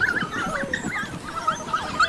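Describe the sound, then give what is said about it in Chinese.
High, thin whimpering from hungry wild dog pups, a steady run of overlapping squeaky whines and yelps over a soft rustling background, with no talking. “小野狗们非常安全，但它们仍然很饿。”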